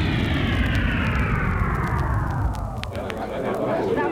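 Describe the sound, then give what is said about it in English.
A loud aircraft engine roar with a steady low rumble and a high whine that slowly drops in pitch, as six spaceships escorted by a robot plane descend to a soft landing on the lawn surrounding the Washington Monument in Washington, D.C. “And on the lawn surrounding the Washington Monument in the capital city of the United States, the robot plane accompanies six magnificent ships to a soft landing.”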